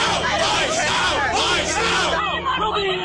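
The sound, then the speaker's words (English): An agitated protest crowd growing more upset as ICE searches a house in Vermont shouts and clamors all at once, many overlapping voices forming a loud, continuous hubbub with occasional sharper yells rising above the din. “As ICE searches the house, the crowd grows more upset.”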